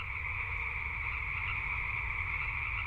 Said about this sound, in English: Their home and garden overlook a wetland that in spring becomes an amphitheater for chorus frogs at night.